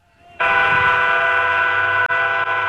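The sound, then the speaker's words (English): The horn of the Union Pacific Big Boy 4014 steam locomotive blares suddenly after a quiet moment as it passes through Shelton, Nebraska, a loud, sustained chord-like blast with a brief break near the end, over a low rumble of the passing train. “Howard Urick saw the train pass through Shelton.”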